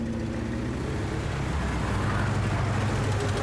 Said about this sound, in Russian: Автомобиль Дегтярева движется по разбитой дороге между обшарпанных зданий завода.